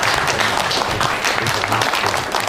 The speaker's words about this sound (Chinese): 来，鼓掌。